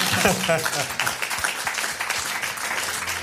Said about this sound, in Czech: My mu tleskáme.